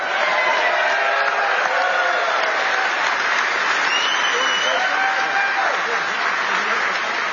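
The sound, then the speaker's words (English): A large crowd applauds steadily with scattered cheers and shouts, a dense, continuous wash of clapping that stays loud and even throughout. “This is an awesome crowd.”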